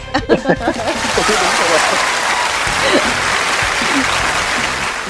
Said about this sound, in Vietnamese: một tràng pháo tay thật lớn nha.